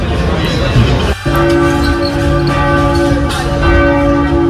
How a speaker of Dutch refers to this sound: Niet alleen de klok staat stil, ook de klokken weigeren alle diensten. Dus voor degenen die het al een beetje missen, dit zijn ze. De enige echte klokken van de Onze Lieve Vrouwenkathedraal van Antwerpen.